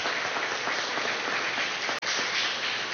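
An audience applauding: dense, steady clapping from many people filling the room, continuous throughout with a brief break near the end before resuming.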